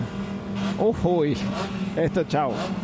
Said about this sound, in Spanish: Se vienen los autos a pista de esta final de la